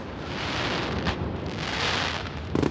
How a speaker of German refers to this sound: Ich habe noch nie Feuerwerk so erlebt. Es war so, so toll beschrieben. Da steckt so viel Arbeit drin.